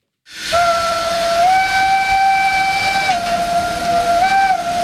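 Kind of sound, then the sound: vehicle, steam locomotive whistle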